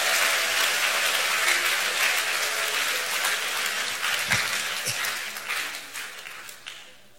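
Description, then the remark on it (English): An audience in a church bursts into sustained applause honoring the choir master and the choir, a dense crackle of many hands clapping at full strength for several seconds before gradually thinning out and fading near the end. “Should I take it that all those of you who did not clap, let us do it better than that.”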